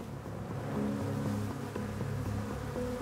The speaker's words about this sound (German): Es handelt sich um die asiatische Hornisse Vespa velutina. Die invasive Art breitet sich gerade im Westen von Deutschland aus und bereitet Imkern Sorge.